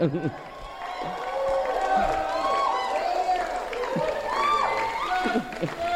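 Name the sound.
audience applause and cheering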